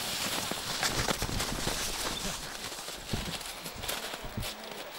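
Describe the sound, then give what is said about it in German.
A young bull's hooves clop in a quick, steady rhythm as it picks up speed, over a constant wash of outdoor noise, the hoofbeats fairly loud throughout. “Einmal in Fahrt gekommen, zeigt der junge Bulle allerdings, dass man noch einiges von ihm erwarten kann.”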